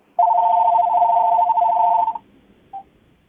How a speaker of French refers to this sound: Attendez que ce téléphone finisse de sonner.